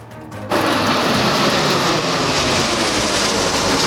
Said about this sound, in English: The Canadian Snowbirds putting on one of their final Eastern Ontario shows before the planes are grounded until at least 2030. Today, they flew over Spencerville.